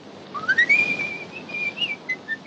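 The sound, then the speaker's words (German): A man whistles a bright, cheerful melody as he walks away, the clear tone rising and then gliding through a string of short notes, fairly loud with a light background hiss and no talking. “Fröhlich pfeifend macht sich Harry davon.”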